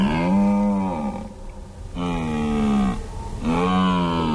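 A red deer stag in the Alps bellows its rutting call three times, each deep, drawn-out roar lasting about a second with brief pauses between, loud.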